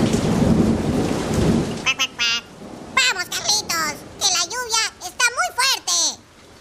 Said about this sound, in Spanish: Mientras iban caminando, el patito Juan y Carlos, se largó una lluvia muy fuerte y los chicos se mojaron todo.